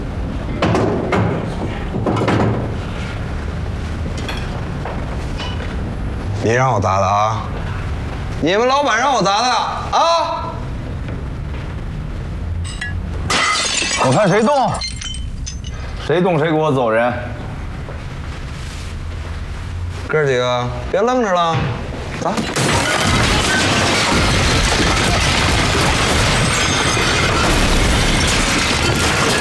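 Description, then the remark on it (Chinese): Objects are smashed and glass shatters in loud, close crashes amid agitated shouting voices, building to a dense, continuous din of breakage over the final seconds. “你是要砸是吧？来吧，砸！”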